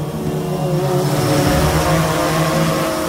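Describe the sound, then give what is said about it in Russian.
A steady propeller cargo drone, the Muravei (Ant) built in Yekaterinburg, hums overhead above hills, its engine drone loud and constant with a harmonic whine and slight rise in pitch, no voices present. “Где-то над сопками движется муравей, грузовой дрон, созданный в Екатеринбурге.”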